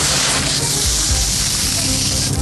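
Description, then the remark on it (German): Sand trickles steadily off a shovel at a bathing lake with a sandy beach, a dense, grainy hiss that stays fairly loud and even for a couple of seconds, with a few soft low thumps underneath. “Ich habe das Gefühl, du gehst mit einer Schaufel oder irgendetwas rein und dann rieselt es.”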